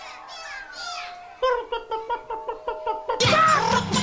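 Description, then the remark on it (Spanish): Children's voices mimic a hen's cackle with a quick rhythmic run of about seven clucking syllables, fairly loud, then burst into louder, overlapping squeals at the end. “Y la gallina va a cacaraquear.”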